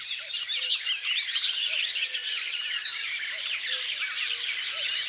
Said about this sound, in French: Coucou et Rousserolle Verderolle.